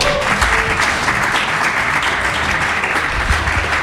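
An audience claps steadily throughout to welcome a person who has just arrived, a dense, loud wash of many hands with no pauses and no voices standing out.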